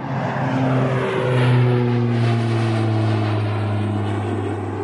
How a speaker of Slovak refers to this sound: Vyzeralo to ako malé kovové šípy. Koberček nevedel, že sú to lietadlá.